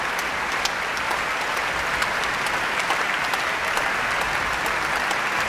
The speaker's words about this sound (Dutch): En Hoving laat het hele orkest nu staan om het applaus in ontvangst te nemen. En wijst vervolgens weer naar de cellist, naar Liaf Kerbel. Een mooie, volle zaal vanavond hier in Eindhoven.